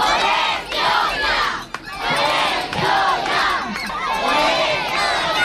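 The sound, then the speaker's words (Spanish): A crowd of nearly 200 children and their families chant a battle cry together in the morning, gathered beside the plot where a new school is to be built, loud, in rhythmic surges of voices with a brief dip between phrases. “Pues así ha sonado el grito de guerra de los casi 200 niños y niñas y sus familias esta mañana.”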